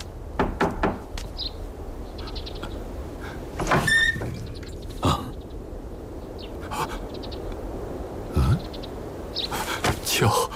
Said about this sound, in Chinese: 外面有人敲门，孩儿去看看。